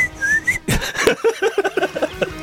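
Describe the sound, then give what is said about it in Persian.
A person whistles a brief, clear note that slides upward, then a sharp burst of noise follows and a run of short, rhythmic voiced sounds. “من سوت میزنم”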